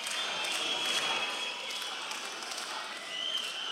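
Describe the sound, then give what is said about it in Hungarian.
A concert crowd at a band's concert roars and chants an insult at the band in a steady, continuous wash of voices, with occasional claps and shouts rising out of the din. “Na most lebuktam, hogy hol vettem fel ezt a közönség ovációt.”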